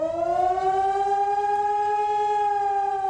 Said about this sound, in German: Beim bundesweiten Mahntag sollen Handys Alarm schlagen, Warn-Apps aufploppen und vielerorts auch die Sirenen heulen.